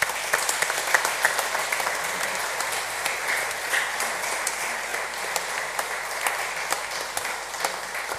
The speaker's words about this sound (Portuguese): Para ele, para todos, a nossa gratidão com uma salva de palmas.